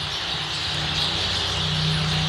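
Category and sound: bird, starling song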